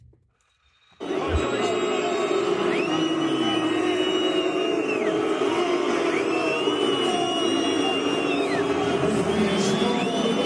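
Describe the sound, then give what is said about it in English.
A huge World Cup stadium crowd boos loudly at a FIFA hydration break midway through a half, a dense, sustained roar that swells in after a brief moment of quiet and continues unbroken, with faint whistles and horns rising over it. “Many World Cup fans are booing midway through the 45-minute halves.”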